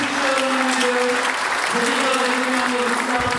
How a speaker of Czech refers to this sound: Vy už to nějaký ten den víte, že se Jan Přeučil stal šarmantní osobností roku, ale diváci v sále se to dozvěděli v tuto chvíli. Velký potlesk, velké gratulace.